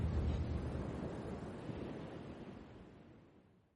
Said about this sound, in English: You can see the stars reflect off the wet sand and the waves try to hide them for just a moment, like the beach is trying to play peekaboo.